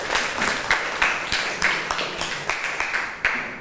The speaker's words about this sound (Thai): ถูกต้องค่ะนักเรียนเก่งมากปรบมือให้เพื่อนค่ะ